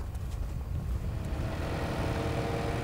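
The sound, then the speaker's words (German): A tractor driven across a field by a 16-year-old drones steadily, a deep continuous rumble with a faint mechanical whine on top, holding at the same loudness throughout with no voices. “Hat eine gute Beschäftigung, der fährt ja gerne Trecker.”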